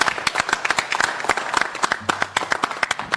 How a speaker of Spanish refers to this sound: Un aplauso para Goyo Guerra.